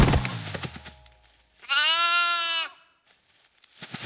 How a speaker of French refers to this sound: Vite, il court, mais les moutons bêlent, ça le surprend, cette tatane glisse sur un caillou.